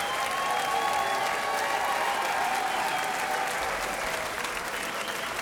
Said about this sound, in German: einen großen Applaus an unsere wunderbaren Bläser hier.